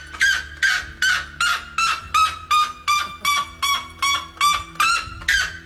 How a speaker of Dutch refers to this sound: Ja, en daar heeft die witte klokvogel nog het officiële wereldrecord van luidste vogel. En ja, die klinkt eigenlijk als een autoalarm.